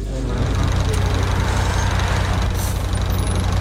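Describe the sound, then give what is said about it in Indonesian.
A pickup bus arrives, its engine idling with a steady, low rumbling throb that stays loud throughout, with faint voices murmuring underneath and a brief hiss of air partway through. “Yeay, busnya udah datang.”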